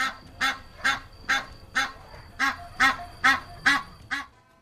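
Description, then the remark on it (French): Geese on the Capitol in Rome honk loudly and insistently at night, about nine harsh calls in a steady, rhythmic series, clear with no talking. “Mais les oies, qui ne dorment jamais que d'un œil, réveillent les Romains par leur insupportable”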